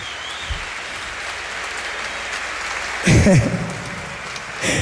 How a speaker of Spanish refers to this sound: aplauso a esta banda. Una banda. Maestro.